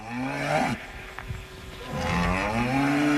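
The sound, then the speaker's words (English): Cattle moo loudly at a livestock auction house in Virginia: one long, low, droning call, a short pause, then a second drawn-out moo that carries to the end. No voices are heard. “At auction houses in Virginia, farmers sell cattle for as much as $3,000 a head.”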